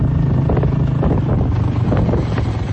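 A motorbike engine drones steadily up close while heavy wind buffets the microphone, creating a constant rough roar with no pauses and no voices.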